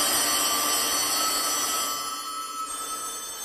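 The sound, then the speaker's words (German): A dense, continuous jangle of many old collector's telephone bells, about 100 years old and still working, all rung at once in Jens Müller's collection, a loud metallic wall of overlapping rings that eases slightly toward the end. “Manchmal, wenn Besuch da ist, lässt er deshalb alle Sammlerstücke gleichzeitig läuten.”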